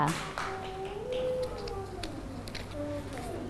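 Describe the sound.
A group of children in a class clap their hands for a classmate who has just correctly cut paper with scissors, in scattered, uneven bursts, with some high voices and background chatter mixed in.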